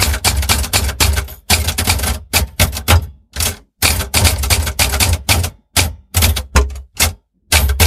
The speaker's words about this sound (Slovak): Aj písací stroj bol šťastný, veď aj on pomohol, aby sa Ujo Peter vrátil k pánovi. A tak si ťukal do rytmu.